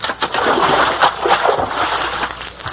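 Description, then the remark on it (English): A loud burst of splashing water as a bucket of water rigged over a door tips when the door is opened, a sloshing rush that pours out and keeps spattering for a few seconds, with no voices over it. “I rigged up a bucket of water over the door, and when the principal opens the door, it'll tip the bucket.”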